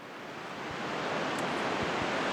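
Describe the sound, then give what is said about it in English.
A steady rush of ocean surf washes and breaks continuously against rocks, swelling slightly louder as it goes, with no voices present. “From black-legged kittiwakes nesting on the jagged edges of seaside cliffs to a posse of surf scoters riding the ocean waves in a V formation as they forage for mussels off of the rocks below.”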